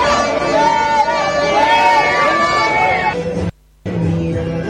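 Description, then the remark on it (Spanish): A loud crowd of people in a long street queue, roped off along the sidewalk, shouting at others trying to cut into the line: dense overlapping voices with a few drawn-out, wavering shouts rising above the din, broken by a brief gap of silence near the end. “Aún hay quienes se quieren meter, y cuando escuchas gente gritando es por eso.”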